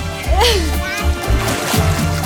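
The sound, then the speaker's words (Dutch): Water sloshes and splashes continuously as women swim, with voices, including a child's, calling out over the wet churning. “En hier voor mij nog veel meer die heerlijk aan het zwemmen zijn.”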